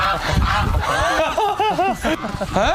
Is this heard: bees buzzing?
no